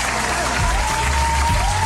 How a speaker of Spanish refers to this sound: El Día del Tendero en Colombia, pero esto merece un fuerte aplauso, por favor. Sí, arriba ese aplauso.